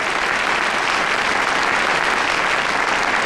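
A large audience claps steadily and loudly throughout to welcome a vice dean of the School of Integrated Circuits and School of Artificial Intelligence at Beijing Vocational University of Science and Technology, a dense, even wash of applause with no pauses and no voices rising above it.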